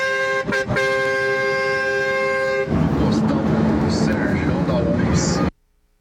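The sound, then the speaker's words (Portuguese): A loud semi-trailer truck's air horn blares in one long, steady blast for a couple of seconds to scare off a jaguar, then gives way to heavy rumbling engine and road noise before cutting off abruptly. “Ó, o outro espanta a onça na buzina.”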